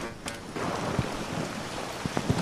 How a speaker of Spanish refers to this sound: pero es que ver las imágenes es una riada de agua y de bolas de granizo las que están circulando hacia abajo, bueno, en esta línea de meta. Espera, escuchar ahora.